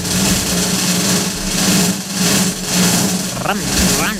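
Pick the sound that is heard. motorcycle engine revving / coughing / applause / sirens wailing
motorcycle engine revving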